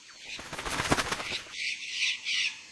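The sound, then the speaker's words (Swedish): A flock of blue parrots with multicoloured wings bursts into flapping in a tree, a quick, loud flutter of wings, followed by a few shorter, softer rustling bursts as they settle on a branch. “Då flaxar det till i ett träd.”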